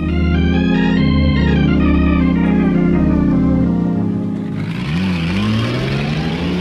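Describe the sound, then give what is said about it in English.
A pickup truck engine drones loudly and steadily, then roars as it revs up while racing another pickup truck on hilly roads, the pitch rising and falling with the throttle. No voices are heard. “Denny wants to race. He thinks his truck has more power than mine.”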